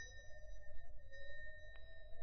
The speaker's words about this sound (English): Find a bell button. No, there's a bell pull.